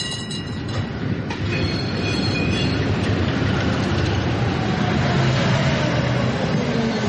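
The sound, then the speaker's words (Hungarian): Metal wheels screech against the rails as a red tram appears from behind the trees at the edge of a forest and rolls past. A steady rumbling roar with high, thin squeals rising and sliding over it, loud throughout, with no voices. “Hirtelen fém csikorgás hallatszik.”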